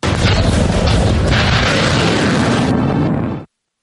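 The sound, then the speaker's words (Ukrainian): A loud, sustained roar of a Ukrainian Neptune missile launch and explosion during an attack on Novorossiysk, Russia, a dense rumbling blast that fills the sound for about three and a half seconds before cutting off abruptly. “Ракета «Нептун».”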